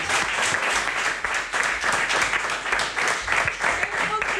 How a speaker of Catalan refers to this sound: Un aplaudiment, sisplau. Bravo.